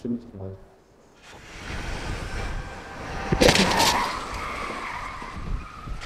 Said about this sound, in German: Crashtest auf einem Firmengelände in Münster. Kann das Auto als Sicherheitssperre funktionieren? Mit 64 Sachen rast der LKW auf die Absperrung zu.